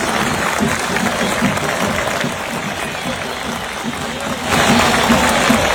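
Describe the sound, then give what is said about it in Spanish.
A large crowd at the Atanasio stadium applauding the Chapecoense team continuously, a dense wash of clapping with a murmur of voices, swelling louder toward the end. “Bueno, este último videito antes de la despedida, cómo la gente ayer en el Atanasio aplaudió al Chapecoense con el que juega mañana partido amistoso internacional.”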